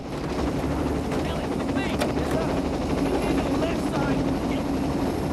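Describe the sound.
A police helicopter carrying armed police hovers by the surf, its rotors producing a loud, steady roaring drone that holds constant throughout, with faint muffled voices barely audible beneath the noise.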